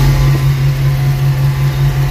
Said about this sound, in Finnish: Tämä oli puimuri. Markku laitteli täältä puimurin ratista videota.